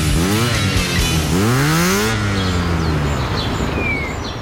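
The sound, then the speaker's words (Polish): A motorcycle engine revs hard twice in a radio advertisement for the Honda D&D motorcycle dealership and service in Wrocław, its pitch climbing and falling in loud bursts before settling into a steady idle rumble, with faint chirping birds in the background. “Honda D&D, autoryzowany salon i serwis motocykli.”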